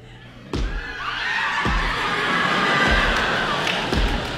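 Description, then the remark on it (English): An audience lets out sustained high-pitched screams on cue during a told story, swelling and holding for several seconds, with a few dull thumps underneath. “Women scream!”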